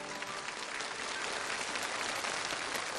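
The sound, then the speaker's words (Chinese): An audience applauds steadily, a dense wash of many hands clapping at once, sustained at an even level for the whole few seconds with no voices over it. The applause is for international students on stage from the College of International Cultural Exchange at Hebei Normal University. “再次把掌声送给我们台上所有的这些留学生朋友们，欢迎你们。”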